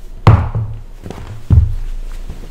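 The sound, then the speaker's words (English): A wooden chair is moved back across the floor, with a heavy thunk followed by a short scrape and a second dull knock, no voices present. “I'm going to sit on Father Rutledge's chair. I just gotta move it back.”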